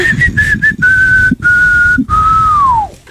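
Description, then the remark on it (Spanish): A person whistles a short tune, a few quick notes followed by longer held tones, the last one sliding downward, with a low background hum beneath. “Eso da ganas de silbar, ¿verdad, amigos?”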